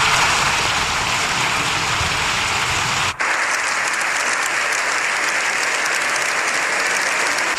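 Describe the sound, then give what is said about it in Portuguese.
Sustained, dense applause from a large crowd in the Parliament of Spain for Pope Leo XIV, lasting seven minutes, a steady loud wash of clapping with a brief cut partway through, then continuing just as strong. “O Papa disse que o mundo está em profunda crise, pediu o fim das guerras que devastam o planeta e foi aplaudido por 7 minutos.”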